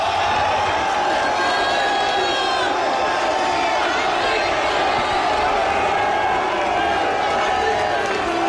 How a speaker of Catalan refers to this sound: Enorme l'ovació que s'ha enduit Martín De Michelis, molt més important que l'altra vegada que va ser el seu primer partit a Espanya, contra l'Espanyol, perdó, i escoltat, som molts.